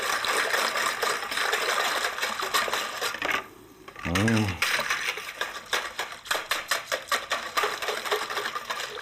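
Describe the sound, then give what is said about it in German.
Continuous scraping and clicking of a utensil stirring a strawberry jelly mixture for gorillas in a bowl, quickening into a rapid rhythmic patter, with a brief voiced sound breaking in midway. “Eirühre.”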